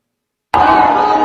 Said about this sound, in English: Now, speaking of someone who's not a centrist, Mayor Mamdani was booed at a Staten Island NYPD event. Listen to this.